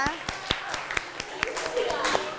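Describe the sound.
Students in a classroom clap in a brief, loose burst of sharp, uneven claps as a group quiz score is announced, with voices chattering and calling out over the applause throughout.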